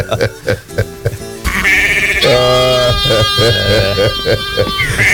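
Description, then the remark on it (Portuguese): After a brief stretch of talking, a rooster with a bad throat lets out a hoarse, strained crow at 5:23 in the morning, a long wavering, bleat-like call that holds for several seconds with a rough, raspy tone. “Ei, galo, o galo chegou.”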